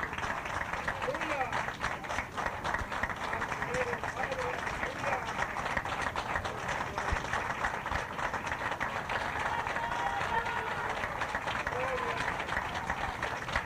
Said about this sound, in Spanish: Otro aplauso a Cristo, hermanos.